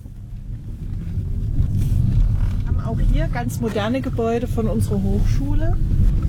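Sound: electric car driving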